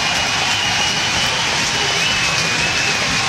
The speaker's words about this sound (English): The roar of the crowd.